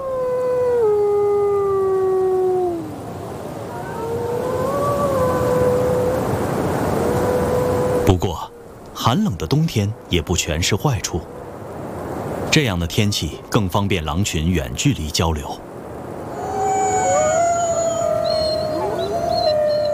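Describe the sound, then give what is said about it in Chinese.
Several wolves of a pack howl together in cold winter weather, calling the pack together to prepare to hunt, in long, wavering, gliding tones that overlap and fade. Midway a person talks briefly before the chorus of howls returns, carrying clearly across open space. “这声嚎叫是在召集狼群准备狩猎”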